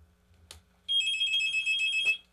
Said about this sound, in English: All right, we got another phone call coming in. We give him a chance to get that picked up.